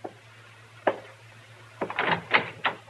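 A door opens: a couple of isolated clunks, then a quick cluster of rattling latch and wood knocks, quiet, over a low steady hum.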